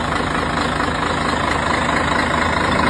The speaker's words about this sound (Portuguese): é o caminhão 113, é o sonho, né? O caminhão, a batida do motor aqui é música no orelha dos homens aí, ó. Esse é um barulho que todo homem ama.